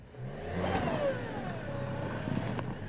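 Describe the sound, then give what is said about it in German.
A heavy truck engine revs steadily and strains as the truck is maneuvered forward and backward to free tires stuck fast, its pitch sliding up and down, with a few clanks and knocks over the sustained drone. “Gegen festgefahrene Reifen hilft nur viel Vor- und Rückwärtsrangieren.”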